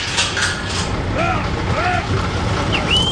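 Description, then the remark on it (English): U.S. Customs and Border Protection officers unlatch a heavy metal lock on a giant door built into the towering, rust-colored border wall, over steady background noise, with rattling mechanical clatter and several rising, squealing metallic creaks like the door starting to give. “For the first time in more than a year, a group of U.S. Customs and Border Protection officers are unlatching a lock on a giant door built into the towering, rust-colored border wall.”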